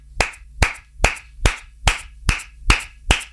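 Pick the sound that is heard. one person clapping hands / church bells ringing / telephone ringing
one person clapping hands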